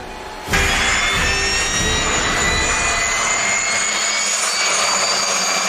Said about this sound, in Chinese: 接到塔台指挥员引导着陆指令，提前做好准备的五号台值班员引导特勤飞机安全着陆。